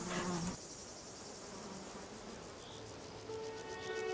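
Bees buzz steadily over an outdoor hiss as they pollinate spring flowers such as wild rocket and violet crown anemone on the Greek islands, with a brief louder burst at the start and a faint drone wavering through the rest.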